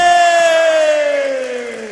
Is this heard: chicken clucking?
no